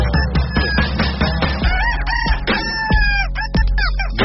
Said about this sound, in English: Rooster. No. He just can't get enough. Techno Rooster.